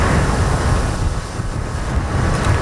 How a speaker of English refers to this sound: Huge waves thrown up by the outer bands of Typhoon Bavi pound Taiwan's northeast coast. The storm is about 1,000 kilometers wide.